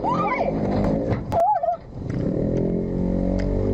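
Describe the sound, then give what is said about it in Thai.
Dashcam recording of a motorcycle crash in Samut Prakan, Thailand: as a car turns into a side street, a motorcycle going straight crashes into it and two more motorcycles crash in after. Warbling, squealing tones give way to a couple of sharp, loud impact bangs, followed by a steady engine drone. No one speaks. “ส่วนข่าวนี้ที่สมุทรปราการต้องเตือนเรื่องของอุบัติเหตุเลยนะเพราะว่าเป็นอุบัติเหตุซ้ำซ้อนมีรถกำลังจะเลี้ยวเข้าซอยปรากฏว่ามอเตอร์ไซค์วิ่งมาทางตรงพุ่งชนไม่พอยังมีมอเตอร์ไซค์อีก2คันตามมาชนซ้ำรถล้มระเนระนาดเลยค่ะ”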